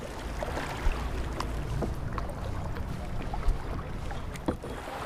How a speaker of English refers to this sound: Participants also paddle out to a little paradise on the river.